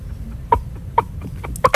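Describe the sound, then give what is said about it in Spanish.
A person imitates a hen's clucking with a series of short, throaty clucks, irregularly spaced and growing quicker toward the end, fairly loud with no talking. “Claro, el otro es la gallina.”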